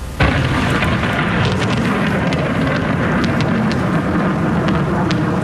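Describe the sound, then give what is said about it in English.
Thunder from a lightning storm over Vancouver rolls in a loud, continuous low rumble, with sharp crackling snaps breaking through now and then. No voices are heard. “And people in Vancouver were treated to a spectacular lightning show last night.”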